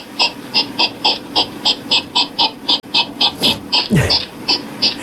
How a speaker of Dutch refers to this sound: En Winnie die zegt, ja, wij hebben ook egels in de tuin. En ik heb dat ook gehoord. Wat een lawaai maken die beesten, zeg. Ja, het is echt super grappig, vind ik zelf, om te horen.